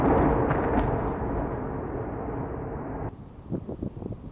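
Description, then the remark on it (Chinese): A missile strikes a building and a powerful explosion roars out at once, its heavy rumbling blast slowly fading, before the scene cuts to quieter outdoor noise with a few scattered sharp bangs and crackles, during a missile and drone attack on Kyiv, Ukraine. “导弹击中建筑物，发生猛烈爆炸。”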